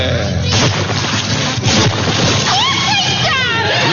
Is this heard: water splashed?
yes